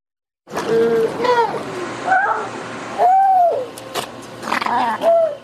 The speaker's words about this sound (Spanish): Puede que estas crías de foca común parezcan estar dándose la gran vida, nadando, durmiendo y socializando. Pero en realidad son pacientes de SR3, el único hospital dedicado a la rehabilitación de animales marinos en el noroeste del Pacífico.